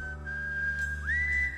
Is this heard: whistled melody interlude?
yes